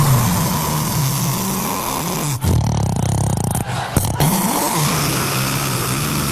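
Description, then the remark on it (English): A voice imitates snoring with a steady, loud, rough rumble from the throat, broken by a brief change in tone partway through before the guttural rasp resumes. “The snoring is, this is what always shocks me about snoring.”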